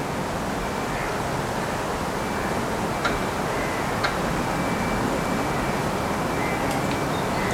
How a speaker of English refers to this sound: Two oaks creak, and a train moves by, and chains from a fence rattle in distance.